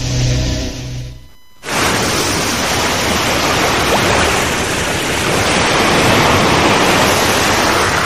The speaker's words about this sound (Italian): Quando è stata l'ultima volta che hai ascoltato davvero il mare?